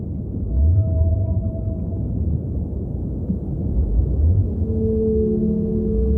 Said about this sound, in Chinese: 那是蓝鲸的叫声。蓝鲸也要进行长距离的迁徙，鲸鲨与蓝鲸有时会在途中相遇。